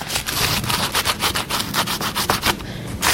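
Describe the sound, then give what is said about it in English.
A big fat raw garlic clove is rubbed back and forth over a big, crusty, very crunchy piece of grilled toast in a quick, steady rasping rhythm, each stroke a dry gritty scratch, with no talking. “You want to rub a big fat raw garlic clove over a big crusty piece of toast, and then use a good amount of olive oil.”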